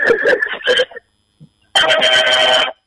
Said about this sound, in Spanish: Peculiar la bocina